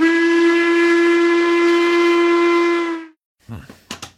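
A loud steam train whistle sounds one long, steady blast, rich and reedy, for about three seconds before cutting off sharply, followed by a few brief, indistinct sounds.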